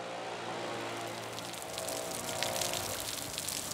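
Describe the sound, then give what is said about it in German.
Steady rain at a stadium on a match day hisses with scattered drips and patters of water, a continuous wet wash that grows slightly louder partway through, with no voices present. “Ist immer unangenehm, bei so einem Wetter Spieltag machen zu müssen.”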